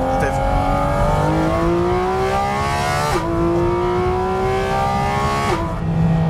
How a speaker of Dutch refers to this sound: Dat geluid, die motor die zoveel toeren mag draaien, die zo puur rauw en eerlijk is. Ja, rauw is niet het goede woord. Heftig. Heftig, maar toch ook verfijnd.